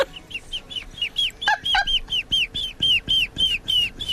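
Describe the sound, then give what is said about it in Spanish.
A person imitates a baby chick's peeping with a steady run of about fourteen high, downward-sliding peeps, fairly loud. A couple of lower squeaks break in midway, and no one talks. “¿A que no hay concursos de sonidos de pollitos?”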